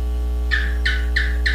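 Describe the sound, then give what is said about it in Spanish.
A bird calls four times in a steady, evenly spaced rhythm, each note a bright, clear chirp over a constant low hum, with no voices present. “Uy, es pajarito.”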